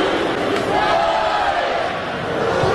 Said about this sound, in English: Crowd trying to get into it, starting that maroon-white cheer here at Duty Noble Field.